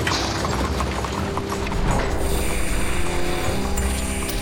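Horse hooves clip-clop in a steady rhythm as horses do hauling work on a construction site built without machines, mixed into a dense, rumbling background of wind-like noise and faint mechanical hum, with no one speaking.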